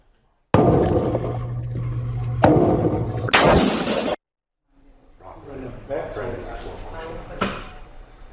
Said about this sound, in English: We've got some disturbing new video this morning out of Las Vegas. Surveillance cameras captured a man roaming around a neighborhood, banging on doors, and firing semi-automatic weapons randomly at homes.